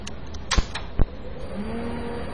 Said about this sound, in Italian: La macchina si è avviata, vale a dire che il processore si è acceso.